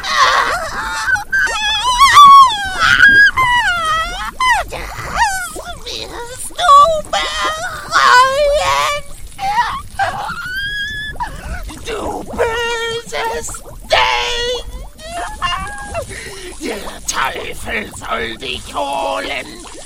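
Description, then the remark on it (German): A woman's voice lets out a long series of loud, high-pitched screams and wailing cries from inside a house, wavering and sliding in pitch, nearly continuous for about twenty seconds. “Erschrocken drehte sie sich jedoch um, als ein Schrei aus dem Inneren des Hauses ertönte.”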